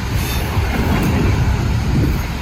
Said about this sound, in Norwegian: Toget går videre mot Sverige.